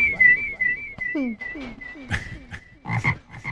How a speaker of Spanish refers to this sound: Queda silbando después de esto.